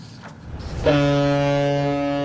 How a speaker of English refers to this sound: A booming call cuts the silence. Cruise horns echo as the first vessels of the season set sail across once frozen Tianchi Lake.